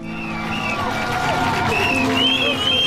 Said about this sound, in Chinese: 晨曦中，有40多万名观众从4面8方赶来，他们聚集在港口，为即将踏上征程的水手们助威送行。